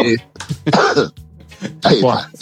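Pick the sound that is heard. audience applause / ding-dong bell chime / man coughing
man coughing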